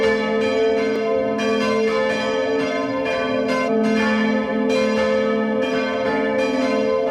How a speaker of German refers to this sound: Es ist 12 Uhr. Sie hören die Glocken der Pfarrkirche Neukirchen bei Lambach in Oberösterreich.